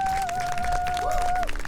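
An audience claps steadily throughout at a stage performance, a dense wash of hand claps, with a sustained high whistle-like tone running over most of it.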